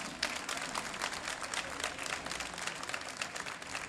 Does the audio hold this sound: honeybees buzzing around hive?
no